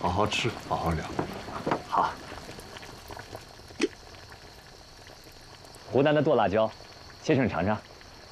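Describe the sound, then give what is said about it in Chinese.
A pot of Cantonese hot pot (da bian lou) broth bubbles and simmers steadily in Guangzhou, a continuous soft boiling hiss, while people talk over it in a few short bursts. “在北京，您请我吃的是老火锅，现在是在广州，我请您吃粤式火锅，大边炉。”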